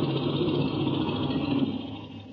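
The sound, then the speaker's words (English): An aircraft engine idles with a steady rumbling drone and a faint high whine before the pilot cuts it, holding a fairly even level for a couple of seconds with no voices. “Then I'll cut the engine.”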